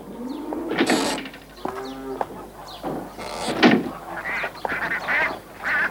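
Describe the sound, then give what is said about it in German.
A flock of geese honking and cackling, with overlapping nasal calls and harsh squawks bursting out irregularly over a few seconds, no talking. “Und jetzt hatten sie auch Kühe und Gänse.”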